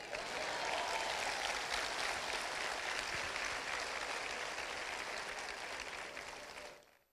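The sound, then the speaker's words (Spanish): A crowd applauds steadily for about seven seconds, a dense, sustained wash of clapping that stays loud throughout before quickly fading out at the end. “Puedo aplaudir.”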